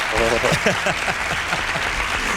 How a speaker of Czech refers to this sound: No, ale... to je hrdinský výkon teda, to, to tleskám, poslechni si, jak, nebo víš co, já tě zatleskám, poslechni si, jo?